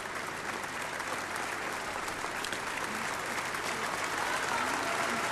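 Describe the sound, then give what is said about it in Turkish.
Sustained audience applause fills the whole stretch, a dense, steady wash of many hands clapping at an even level without pause. “Evet, alkış devam ediyor.”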